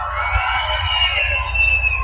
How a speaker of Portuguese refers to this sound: Mas antes de encerrar, eu quero ouvir um barulho da galera. Quem não gritar agora não vai ficar rico esse ano. Cadê o grito da galera?